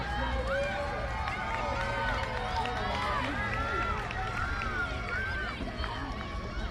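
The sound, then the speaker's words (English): A steady roar of stadium crowd noise at a USC soccer match, many voices shouting and cheering at once as the crowd tries to rally the Cardinal, loud and sustained throughout with no single voice standing out. “This crowd trying to rally the Cardinal into a win, or at the very least a draw.”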